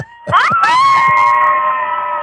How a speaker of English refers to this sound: we want to hear it that much that there's this many people that's going to scream when they hear it. Everybody scream!